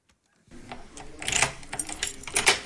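After a moment of silence, keys rattle and a lock clicks and clunks through several metallic turns, then a door is pushed open with a soft scrape. No one speaks.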